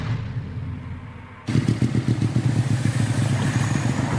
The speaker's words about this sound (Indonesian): Jenengan itu motor kok banter mentoh, Mbah? Iya, Le. Motorku anyar. Dadi numpake ya kudu banter no, wong anyar.